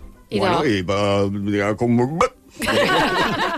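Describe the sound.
A voice mimics a corkscrew pulling a cork, with strained, rising vocal tones before a sharp mouth pop, followed by breathy laughter-like sounds, fairly loud.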